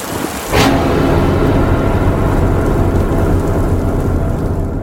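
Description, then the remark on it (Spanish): Heavy rain pours in a dense, steady hiss, opening with a sudden sharp thunderclap-like crack before settling into a constant loud downpour. No voices are heard. “Ahora corramos, no quiero morir bajo esta lluvia.”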